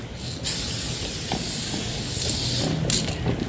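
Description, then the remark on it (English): A spray paint can hisses steadily as a graffiti writer paints a throw-up, a simple outline of letters, in Wellington, a continuous loud aerosol spray with a couple of brief shifts in pressure as the nozzle is worked, no voices. “So what are you doing right now? This is a throw-up. It's pretty much a really simple outline of my letters.”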